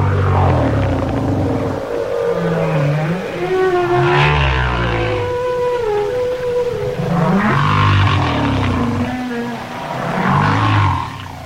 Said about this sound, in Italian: In effetti, alcune delle frequenze più basse percepibili nei mari provengono da quei giganti incredibili che sono le megottere o balene gobbe.